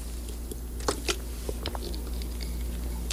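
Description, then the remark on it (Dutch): Someone takes a quick sip of water, with a few soft wet mouth clicks and a quiet swallow over a low steady hum. No one speaks. “Ja, even een slokje water.”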